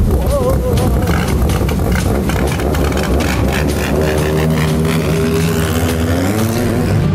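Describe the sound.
A boat engine roars loudly and steadily across the water at speed, its droning pitch climbing as it revs up, with some faint voices mixed beneath the noise.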